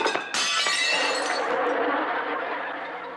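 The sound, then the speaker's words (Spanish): A loud crash of plates shattering on the floor, a sharp bright impact followed by a long spray of tinkling shards that slowly fades out. No one speaks. “¡Mis platos! ¡Uy! ¿No te dije que tuvieras mucho cuidado?”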